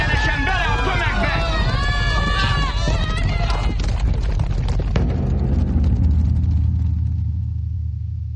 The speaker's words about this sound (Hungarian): valami iszonyatos lódobogás. De ez nem a rajt, ez valami, nem is tudom. Az istálóból, mintha egy egész ménes vágtatna ki. Mi ez? Szabadjára engedték a lovakat. Valaki hajtja, üldi őket!